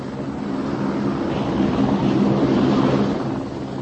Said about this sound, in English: Amazing things, helicopters.